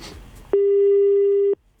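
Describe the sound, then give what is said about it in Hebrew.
A telephone ring tone, a call to a woman in a phone-in prize quiz, sounds once, a steady, mid-pitched electronic tone held for about a second, loud and clean, then cut off into quiet with no answer and no voices. “צלצול אחרון, נזק.”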